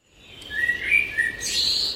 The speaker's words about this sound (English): And dad's hung a bird feeder outside the window so he can watch the birds in the day.